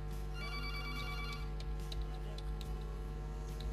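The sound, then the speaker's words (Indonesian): A telephone rings with a bright electronic tone for about a second, an incoming call to the call-in program Mata Warna Perompak, over a steady low hum and scattered faint clicks; no one speaks. “Kasih los dulu biar yang telepon tunggu lama.”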